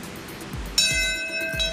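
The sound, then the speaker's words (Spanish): A single memorial bell tolls once at Ground Zero, at the exact time the first hijacked plane struck the Twin Towers, on the anniversary of 11 September 2001; its bright ringing overtones sustain and slowly fade over a low background rumble. “Una campana suena en la zona cero a la hora exacta en que el primer avión secuestrado impactó las Torres Gemelas el 11 de septiembre del 2001.”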